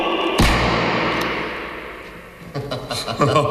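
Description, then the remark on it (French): A single loud revolver gunshot cracks out inside a strong-room vault with metre-thick walls and no window, its boom lingering in a long reverberant decay, before voices begin talking. “Tiens, passe-moi ton revolver, Bernard.”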